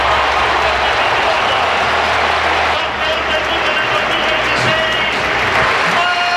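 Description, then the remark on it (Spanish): A large stadium crowd at the Metropolitano applauds Atlético de Madrid player Marc Pubill, number 18, as he comes out onto the pitch, a dense wash of clapping and cheering that holds at full volume throughout, with a low rumble underneath. “Tremendo los aplausos que se lleva el chaval.”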